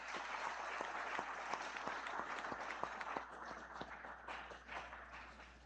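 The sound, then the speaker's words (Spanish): A crowd at a Day of the Migrant church service in Honduras applauds a guest from El Salvador, a dense wash of many hands clapping with a few sharper individual claps standing out, holding fairly even loudness before easing slightly near the end. “Así de que regalémosle un aplauso y gracias por estar aquí.”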